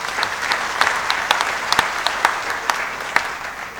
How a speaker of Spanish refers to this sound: Por aquí está, vamos a dar un aplauso. Gracias.